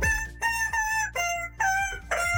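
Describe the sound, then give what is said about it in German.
A squeaky rubber chicken dog toy, squeezed by hand on Antenne Düsseldorf radio to squeak out a hit song, squeals out a rapid series of about six loud, nasal honks, each shifting pitch as if picking out a tune, with no talking. “dieses Hundespielzeug, ne, das so schön quietscht, wenn man drauf rumkaut”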